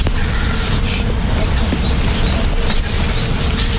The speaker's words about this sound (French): Est-ce que vous l'entendez, ce bourdonnement? Oui. Ben ça, ce sont les abeilles, hein, qui sont dans les arbres là. Tout le monde l'entend, ce bourdonnement?